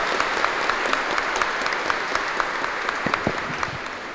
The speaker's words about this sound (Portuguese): Mais forte, uma salva de palmas.